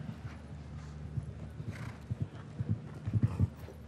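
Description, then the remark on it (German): Hooves of a smaller horse galloping in a show-jumping round in Hamburg, a quick, uneven rhythm of thudding beats over a steady low rumble, with a few sharper clustered impacts toward the end. “Die Galoppade ist eher ein bisschen kleiner bei diesem kleineren Pferd.”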